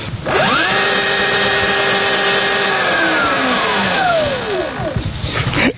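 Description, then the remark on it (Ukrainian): An electric motorcycle motor whirs up to a steady high-pitched whine, holds for a few seconds, then winds down as it slows. It is fairly loud, with no talking, and is run to demonstrate how loud it is. “Те, що ці мотоцикли електричні, вони не шумлять, вони не створюють викиду ніякого.”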